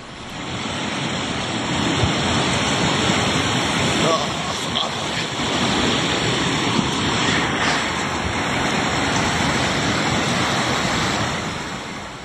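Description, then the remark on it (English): A loud, steady roar of rushing floodwater fills the whole stretch without a break, broad and churning like a powerful torrent, pushing around a boulder the size of a large car, with wind buffeting the microphone. “Again, the floodwaters, which you can see here, pushing around a boulder the size of a large car as if it were nothing.”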